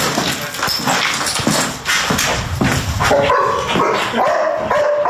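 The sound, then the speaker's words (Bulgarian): Rescue dogs bark repeatedly in a busy, echoing abandoned mountain hut full of volunteers during search-and-rescue training, with higher yips and whiny tones creeping in toward the end. “Тази изоставена хижа днес не е празна, пълна е с доброволци и кучета спасители.”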